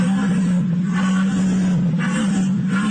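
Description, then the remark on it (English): A loud, continuous low droning deer call made by a human voice through a long cylindrical call placed in the mouth, rough and buzzing, with brighter pulses swelling roughly once a second throughout. “you only want a girl that can deer call”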